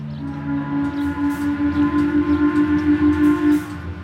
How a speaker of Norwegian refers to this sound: Klokken 10 støter skorsteinen på dampskipet høylytt.